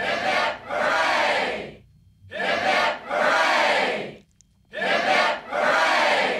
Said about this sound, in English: Let's have three cheers for the great country of Australia and Captain Cook for getting us here.